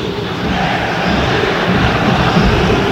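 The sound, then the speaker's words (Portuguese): A large crowd at the Maracanã stadium, in the east, west and south sectors, boos as the team leaves the field, in a loud, unbroken roar that holds steady for the whole stretch, dense and low-pitched, with no single voice standing out. “Setor leste, setor oeste, setor sul, vaias novamente na saída do time. O clima é hostil, ó, mais uma vez agora.”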